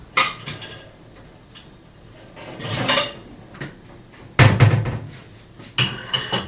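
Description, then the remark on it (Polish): Kitchen clatter with several sharp ceramic knocks and clinks, a louder thud near the end as a small plate is set down on a counter beside a pot of barszcz (beet soup) so the boiled vegetables can be lifted out, followed by lighter taps. “Stawiam sobie po prostu talerzyk obok garnka i pod wierakiem po kolei wyjmuję warzywa w całości.”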